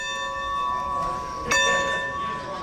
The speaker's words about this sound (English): The clanging of train station bells is a sound ingrained in Americana, serving as the musical score for when long locomotives pulled into town. But today, they herald a different kind of arrival, the resurrection of a piece of steam history.